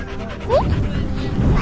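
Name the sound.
dog barking and whimpering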